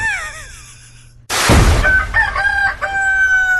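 A rooster crows loudly after a brief, wavering high-pitched opening, its harsh, strained call rising and holding with a ringing tone before breaking off. No one speaks.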